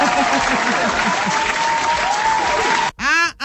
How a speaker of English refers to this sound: I clap for you again.